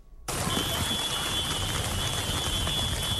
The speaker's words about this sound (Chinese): 开学第一天，台南不少地区都是下雨，雨中远景以及义交在国小校门口守护每位学童的上学路，各分局各有巧思。